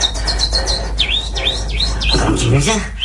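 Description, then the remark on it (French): A voice imitates small birds chirping, with a quick series of high, rising-and-falling tweets, ending in a brief lower vocal sound. “Faites-moi les petits oiseaux.”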